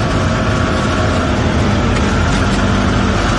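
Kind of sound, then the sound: vehicle, car traffic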